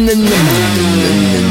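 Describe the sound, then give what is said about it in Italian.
A small Gilera moped engine revs loudly, its buzzing pitch climbing, dipping and climbing again over a second and a half, with no voices. “torniamo col motorino. Sei il Gilera.”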